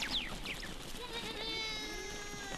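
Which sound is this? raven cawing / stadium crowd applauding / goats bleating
goats bleating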